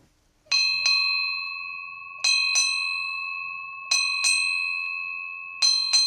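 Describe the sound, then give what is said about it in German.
A ship's bell rings eight times in four evenly spaced pairs, struck on a river burial ship in Rhineland-Palatinate, Germany, after a river burial, an old seafaring tradition; each clear metallic strike is loud with a long shimmering decay between pairs. No voices are heard. “Acht Glockenschläge. Eine alte Seefahrertradition. Sie bedeutet: Eine wichtige Person ist von Bord gegangen.”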